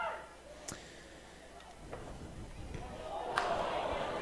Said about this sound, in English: Almost got it blocked there as you hear the groans from the home crowd, but he gets it away.